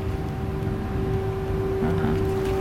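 An air raid siren in Odessa, Ukraine, holds a single steady, sustained tone for the whole stretch, unchanging in pitch, over a low rumbling background with no one speaking.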